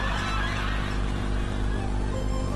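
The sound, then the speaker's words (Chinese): A large flock of Taihu geese at a national-level Taihu goose conservation breeding farm in China, which holds over 5,000 geese, honks continuously, their overlapping calls merging into a dense, steady clamor with no pauses and no one speaking. “目前，在这国家级太湖鹅保种场里，存栏的太湖鹅有5000多只，其中家系鹅群有50个。”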